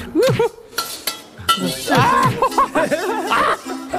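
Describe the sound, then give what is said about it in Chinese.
A fork clinks against a plate and glass in a few sharp, bright taps, mixed in with people talking and chuckling throughout. “这个声音听不了， 那个玻璃那种声音在。 还有那个盘子和叉子那个。”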